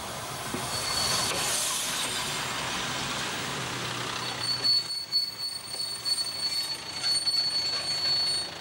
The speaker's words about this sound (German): Mittendrin in dieser Wildnis stoppt der Zug.